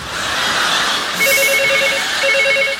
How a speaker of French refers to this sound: Téléphone! J'entends!